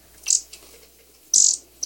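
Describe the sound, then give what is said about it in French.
A canary gives three bright, high-pitched chirps in quick bursts, fairly loud, with short quiet gaps between them and no voices. “Elle proposa au petit de venir chez elle voir son canari.”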